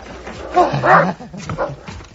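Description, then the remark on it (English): A guard dog barks and yowls in a couple of loud, drawn-out bursts, with a softer bark trailing after a short pause. “Why the guard dog you got there?”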